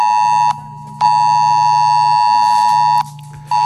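A loud, harsh mobile phone emergency alert tone blares in pulses: a short burst, a brief gap, a long two-second blast, then another gap before it resumes. No one speaks. It is a drill alert sounding on the phones of over a thousand residents of Cofrentes, Valencia, around the nuclear power plant.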